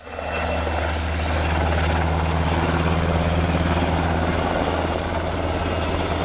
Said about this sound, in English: The Black Hawk is a fairly powerful aircraft. It can lift a lot of troops and a lot of equipment, gets there quickly, and it handles quite nicely. It's very responsive. The Black Hawk, like all combat helicopters, flies low when possible to avoid